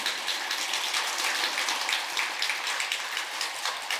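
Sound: audience applause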